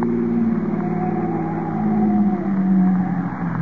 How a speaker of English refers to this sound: Here we are. I'll make a U-turn.